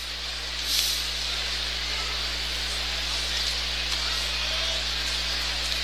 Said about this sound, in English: And we got a drizzle going once again.